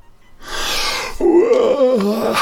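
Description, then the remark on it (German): A single drawn-out yawn performed by a voice, fairly loud: a breathy inhale that swells into a voiced, wavering groan sliding downward before trailing off, as a boy in a bedtime story throws off his bedcovers and sits up in bed. “Gähnte Paul, als er die Bettdecke wegschlug und sich aufrichtete.”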